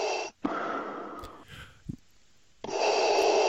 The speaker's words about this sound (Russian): Не получилось вникнуть вообще, так как Дарт Вейдер появился на первых же кадрах в своей страшенной маске и вот с этим жутким дыханием.